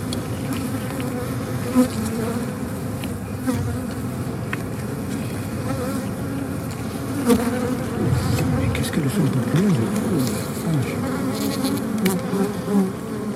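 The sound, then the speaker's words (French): Wild bees buzz steadily, several drones overlapping and sliding up and down in pitch as insects fly past, with a soft outdoor hum underneath and no voices, in the Provence-Alpes-Côte d'Azur (PACA) region of Mediterranean southern France. “On est au final, ici en région PACA, dans le hotspot européen de biodiversité des abeilles sauvages.”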